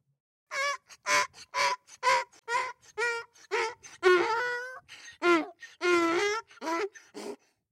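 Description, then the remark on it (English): A donkey brays in a long run of loud, harsh honks that rise and fall in a wheezing hee-haw rhythm, with no voices over it. “It was a donkey.”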